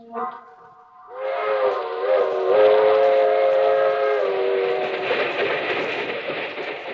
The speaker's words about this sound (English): That train is the Southeast Limited. See it? Long, sleek, and powerful, clicking off the miles and the humming rails. A masterpiece of 20th century mechanical perfection.